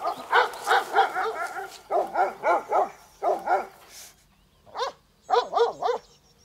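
Several livestock guardian dogs in Germany bark in quick, rhythmic bursts, fairly loud, with short pauses between volleys and a few higher yips mixed in; no one speaks.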